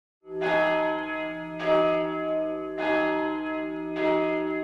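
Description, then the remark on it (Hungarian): A church bell tolls four times at a steady, slow pace, each loud strike ringing out with rich overtones that hum and overlap into the next. No voices are heard. “Harangszó.”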